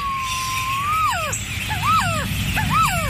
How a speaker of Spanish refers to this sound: ¿Has escuchado alguna vez cantar a nuestra ave nacional? Aquí unos segundos de su canto.